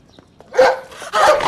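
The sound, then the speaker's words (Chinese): A dog held on an iron chain in a courtyard barks loudly, two sharp harsh barks in quick succession with a short pause between them. “快快快快快，赶紧把这个狗拴起来，赶紧把它拴起来。”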